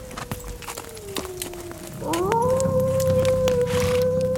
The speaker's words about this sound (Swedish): Den där vargen är långt borta.